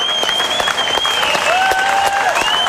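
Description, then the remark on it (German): Sustained, dense applause from a large audience at the end of a performance, loud and continuous throughout, with a few faint whistles rising and falling above the clapping; the audience members are holding umbrellas with one hand. “Sie hören den Schlussapplaus von Roseus, von Roseo, von Graziell.”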